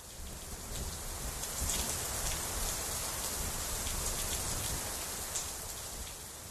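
Steady rain falls continuously, a dense hiss with scattered brighter drop patters on a surface, fairly close and even in level throughout, with no voices.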